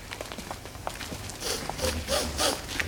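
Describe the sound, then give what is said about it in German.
Loud sniffing in quick bursts, a series of sharp breathy inhalations repeating over a few seconds, with faint shuffling movement in the background; a person smelling hay, straw, horses and leather in a pony stable. “Aber so laut wie du schnupperst, müssen die Pferde dich ja für ein ganz merkwürdiges Tier halten.”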